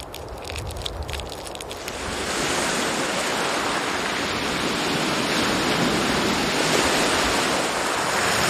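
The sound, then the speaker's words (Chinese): Sea waves of the rising tide wash steadily into mangroves, home to fiddler crabs, a loud, continuous hiss of churning water that swells after the first couple of seconds and keeps rushing on without pause. No voices. “当海浪开始侵蚀红树林，招潮蟹回家了。”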